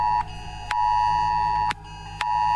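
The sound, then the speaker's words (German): A loud, piercing emergency alert tone from a new smartphone blares in long on-off pulses during a trial warning at 11 o'clock, a steady high pitch broken by brief gaps, with no voices over it. “Siehst du, neues Handy, jetzt geht die Meldung auch.”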